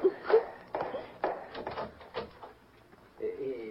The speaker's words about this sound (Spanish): Yo me hago para el rincón y usted le abre la puerta.